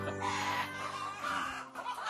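hens clucking

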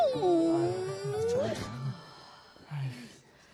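injured puppy whimpering

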